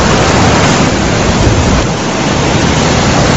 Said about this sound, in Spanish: Me gusta escuchar el río cuando lleva agua, porque hay veces que está bastante seco, ¿no?